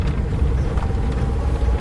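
A steady low rumble of a small car driving toward Shenquan County, about 20 li away, engine drone and road noise continuous, with no voices and no breaks.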